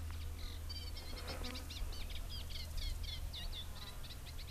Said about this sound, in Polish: Ale ten głos wiodący to nie jest zielonka? Ten taki trzeszczący bardziej głos, tak, to jest oczywiście trzciniak. Jeden z bardziej pospolitych gatunków ptaków wróblowych, który tutaj zamieszkuje właśnie takie trzcinowiska.